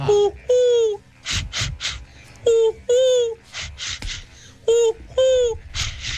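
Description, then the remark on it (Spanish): A person imitates bird calls, alternating pairs of cooing, dove-like hoots with short, raspy, duck-like quacks. The calls repeat in three rounds, fairly loud, with no talking in between. “la palomita la muerte y unos patos.”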